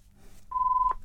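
A single steady electronic tone, like a telephone ringing signal, sounds for under half a second over a low background rumble, fairly clear.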